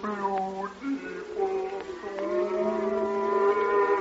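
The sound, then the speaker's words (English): Cows low as they are driven home, long, drawn-out moos that bend in pitch and run into one another, a steady overlapping lowing with no pauses and no talking. “It's only the cows. They're driving them home now.”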